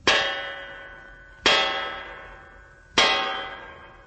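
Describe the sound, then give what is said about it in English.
Three loud metallic knocks as a guard strikes a bronze door knocker on a door with bronze fixtures, evenly spaced about a second and a half apart, each a sharp clang that rings on with a long fading metallic tone. “Everything bronze, even to a knocker. Hey, watch. One of the guards is going to use it.”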